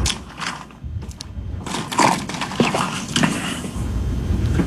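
Ice rattles and clinks in a glass, a busy run of sharp, bright clatters and crunchy knocks that come in bursts and keep going steadily to the end, with no voices.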